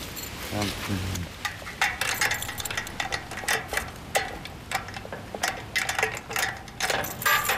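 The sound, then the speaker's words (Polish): The oldest key rattles and scrapes in the lock of an old gate as the gate is locked, making a steady run of sharp metallic clicks and clinks, with a brief voice near the start. “A to tym najstarszym kluczem?”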